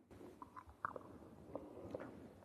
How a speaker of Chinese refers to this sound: 茶叶和铜钱一起入口，咀嚼不到一分钟就听见了几声脆响。